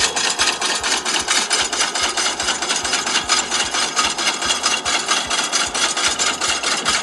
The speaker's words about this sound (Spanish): El tractor sacando papas queda a gusto. Escucha cómo suena sacando papas. Esto es sacando papitas de la tierra.